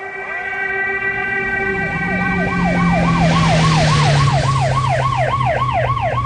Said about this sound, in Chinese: 大街上，特警的吉普4700车队像旋风一样疾驰，警笛响彻了滨海市。